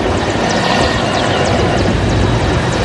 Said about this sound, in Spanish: Durante la jornada, helicópteros sobrevolaron distintos puntos de la zona, mientras camiones castrenses y personal naval se desplegaron para continuar con las prácticas que serán presentadas durante el acto conmemorativo.